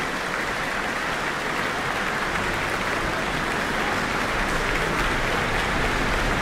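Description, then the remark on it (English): Sustained, dense applause and a standing ovation for the New Zealand Symphony Orchestra and conductor Andre de Ridder in the Town Hall after a performance including Bolero, loud and steady throughout with no pauses. “Looks like a standing ovation for the New Zealand Symphony Orchestra in the Town Hall tonight. The crowd's going wild after that.”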